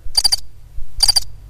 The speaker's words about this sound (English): Those are the birds coming out to play with me. I think they are.